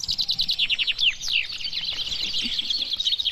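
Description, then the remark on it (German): Eighteen chaffinches sing at the same time at the traditional finch contest in Benneckenstein in the Harz, Germany, their bright, rapid trills and descending flourishes overlapping densely into a continuous, lively chorus, with no voices. “18 Finken haben hier auf einmal getrellert beim traditionellen Finkenmanöver in Bennekenstein im Harz.”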